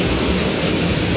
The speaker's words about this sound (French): Ah oui. Et voilà. Et c'est pas un petit crachin, hein, évidemment.